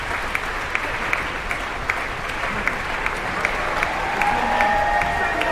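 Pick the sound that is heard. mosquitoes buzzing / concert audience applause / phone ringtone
concert audience applause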